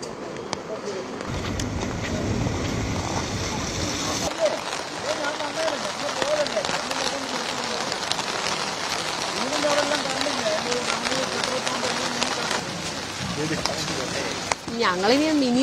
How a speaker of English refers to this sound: Yes, it witnessed heavy rainfall, but we were expecting it to ease from today morning, but that's not the case. It's been continuously raining, heavy rainfall witnessed across the state.